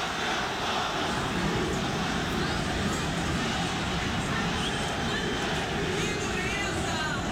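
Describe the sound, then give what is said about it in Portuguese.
A stadium crowd at Beira-Rio boos and protests after Inter loses to Santos, a loud, steady wall of jeering voices that holds without pause for several seconds, with faint higher whistles cutting through near the end. “Foram muitas vaias, mas são muitos protestos dos torcedores.”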